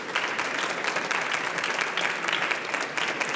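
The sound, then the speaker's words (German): Steady audience applause welcoming guest Oliver Kobold, author of a book about a singer, a dense crackle of many hands clapping at an even level throughout, with no voices standing out above it. “Herzlich willkommen, einen herzlichen Hallo. Applaus.”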